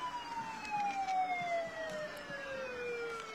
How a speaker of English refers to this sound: All right, and after that fire truck, we are followed by the Norfolk Fire and Rescue.